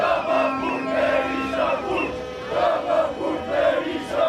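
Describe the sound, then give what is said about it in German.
A large protest crowd in Albania chants the slogan "Rama to jail, Berisha to jail" against the prime minister and the opposition leader, voices rising and falling in steady rhythmic phrases, loud and sustained with a dense roar of many people. “Und dann gibt es noch immer diesen Sprechchor.”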